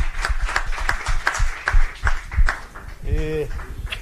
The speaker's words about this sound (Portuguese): Palmas!